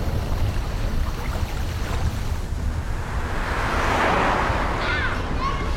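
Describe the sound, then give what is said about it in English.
A motorcycle engine rumbles loudly and steadily, its roar swelling to a peak as it revs hard and then easing slightly, with wind-like noise over it and no talking. “Ah, the sounds of summer. Please watch for motorcycles.”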